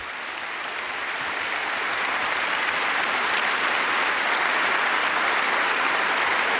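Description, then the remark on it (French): A large audience claps steadily and warmly for an orchestra from the Republic of Armenia, conducted by maestro Edouard Topchan. It is a dense, sustained wash of applause that holds at an even loudness throughout with no voices standing out. “auquel le public, vous l'entendez, réserve un chaleureux accueil.”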